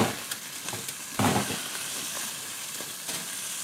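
Meat sears and sizzles steadily in a hot pot, a dense hiss with scattered crackles and a brief louder burst of spattering partway through. No one speaks.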